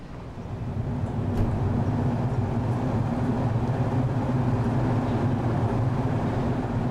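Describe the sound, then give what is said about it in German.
A steady rumble of a train departing from a station dominates, deep and continuous with a brief clank early on and no voices, the engine noise holding at an even level throughout. “Dann, kurz bevor der Zug losfährt, eine Überraschung.”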